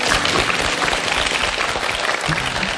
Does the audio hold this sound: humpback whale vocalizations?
no